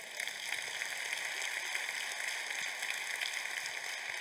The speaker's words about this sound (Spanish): Den un aplauso a Cristo.